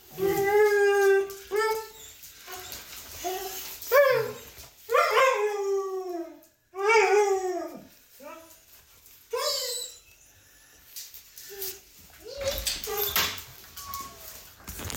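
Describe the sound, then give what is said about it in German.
An excited dog named Paula whines and howls in a series of loud, high-pitched bursts, each cry sliding up and down in pitch, with short pauses between them and no talking. “die freut sich immer so, die Paula. Die Emma ist eine Labradorhündin”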